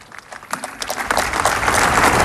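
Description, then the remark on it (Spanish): Applause from a large crowd across a square during a speech, a dense wash of clapping that swells and grows louder over a couple of seconds, with no voices standing out. “Vuelve a levantar los aplausos por toda la plaza”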